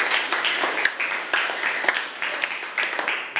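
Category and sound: crowd, classroom of students applauding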